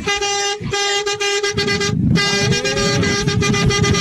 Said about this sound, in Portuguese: Quero buzinar.